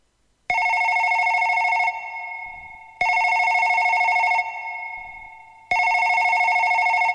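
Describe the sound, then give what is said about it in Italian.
A telephone rings three times for an incoming call from Brisbane, Queensland, Australia, in steady bursts, each lasting over a second with a fading hum between rings. The ringing is loud, with no voices. “Talofa wa telefoni sa no mai.”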